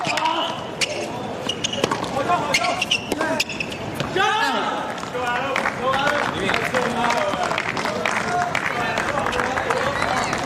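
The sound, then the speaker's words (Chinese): Spectators at a tennis match cheer and call out in a noisy crowd during a point after a good shot by Wu Yibing, while sharp, repeated tennis ball strikes pop through the din, with a few rising shouts standing out partway through. “就是在比赛的这个过程中，虽然吴一炳是打出了好球，有观众给他喝彩，但是也不能在没有死球之前呢就发出声音啊，确实是很影响球员的专注度。”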